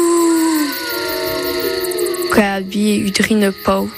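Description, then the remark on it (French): Wolves howl at night, long, wavering howls rising and falling over several seconds, then breaking into shorter, choppier howling calls near the end, loud with a faint background hiss. “quand j'ai vu le loup, on les entendait hurler.”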